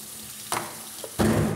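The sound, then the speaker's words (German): Hot water poured over a frozen feed ball for bears, called an 'ice bomb' because of this sound, in a feed kitchen, sets off a sharp hissing crackle, first a brief burst and then a louder, sustained sizzle with fizzing pops. No one speaks. “Heißes Wasser drüber.”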